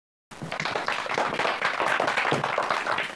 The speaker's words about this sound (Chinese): 掌声有请。